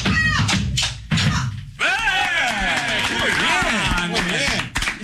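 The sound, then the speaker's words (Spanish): An audience breaks into steady, dense applause for a young woman from Catamarca after a brief moment of speech, with cheering and shouting voices mixed into the clapping throughout. “aplauso para esta catamarqueña.”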